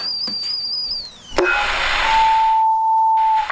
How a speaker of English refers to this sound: Cup of tea, dear. The kettle's on. Would you like a cup of tea, love?